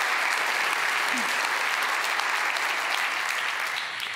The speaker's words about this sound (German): Dein Applaus.